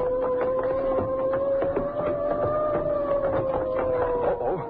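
police siren approaching

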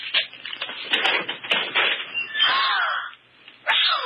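closet door being opened

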